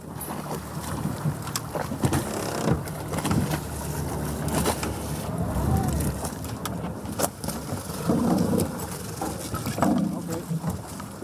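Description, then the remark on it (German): An inflatable boat's outboard motor drones steadily on the water at sea, with splashing and gusty wind buffeting the microphone throughout, the engine note swelling and shifting as the boat pulls away from a freighter after officers climb onto its pilot ladder for an inspection. “Aus Sicherheitsgründen entfernt sich das Schlauchboot danach immer sofort.”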